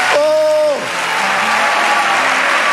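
A crowd applauds loudly and steadily for nearly three seconds, a dense wash of clapping, while a brief held tone at the start slides downward in pitch and fades into the clapping.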